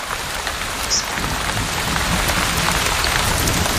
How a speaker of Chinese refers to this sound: 这场暴雨抚慰了备受干旱煎熬的动物们。